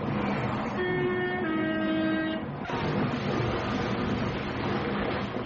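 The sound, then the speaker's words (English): A train horn blares over loud rumbling, then a sudden jolt gives way to a heavy, continuous roar of crashing noise as a train crashes into a river. No one speaks. “The train he was travelling on crashed into a river.”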